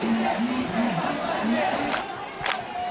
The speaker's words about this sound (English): Crowds chant, "Where does the vote theft happen?" In the office of the BJP.